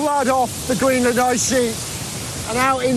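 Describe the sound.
A meltwater river, into which every stream on the ice sheet drains and which carries water off the ice sheet to the sea, rushes in a steady, dense roar of flowing water, heard continuously beneath a man speaking at intervals.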